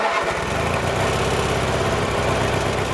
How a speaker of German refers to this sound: Bis dahin ist noch viel zu tun und deshalb schwingt sich Preet jetzt wieder auf seinen Rasenmäher und macht weiter.